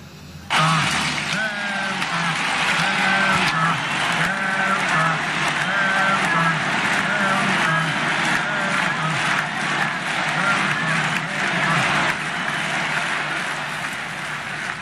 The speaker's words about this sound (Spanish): Bueno, pues así sonaba ese graderío, todos gritando en favor a Ceuta.